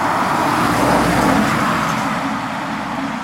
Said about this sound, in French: Il y a du passage. Les voitures nous frôlent et filent à toute vitesse. Les vivants sont bruyants et recouvrent le bruit des mortes.